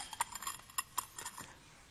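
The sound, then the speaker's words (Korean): Bowls clink lightly as they are handled during a church worship service with children, a handful of quick, bright ringing taps scattered over a couple of seconds, fairly quiet, with no talking. “그래서 오늘 내가 우리 아이들 함께 드리는 예배이기 때문에 그릇을 좀 가지고 나왔습니다.”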